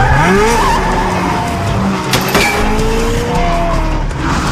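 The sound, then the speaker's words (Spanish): A car roars along at high speed, its engine loud, while tires squeal and skid in sliding bursts through the dense, continuous road noise. “¡Detén el auto!”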